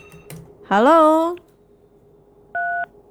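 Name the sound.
telephone call connecting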